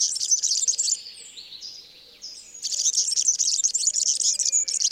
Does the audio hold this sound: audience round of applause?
no